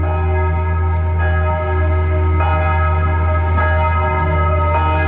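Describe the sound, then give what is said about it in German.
Church bells in Rapperswil ring at 11 o'clock, continuously and fairly loudly, their overlapping tones sustained with fresh strikes about every second, over a low steady rumble and with no one speaking. “Das Rappi wird man gerade mit Kirchen, Glockenklüt empfangen.”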